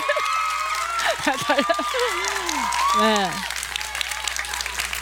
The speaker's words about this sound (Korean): 그래서 박수 한번 주세요.